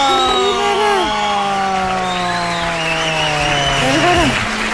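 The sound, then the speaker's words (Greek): Warm applause welcoming a guest at a radio station, a steady dense patter of clapping for nearly five seconds, with sustained tonal notes and a brief rising-falling sweep layered over it. “Κυρίες και κύριοι, υποδεχτείτε με ένα ζεστό χειροκρότημα”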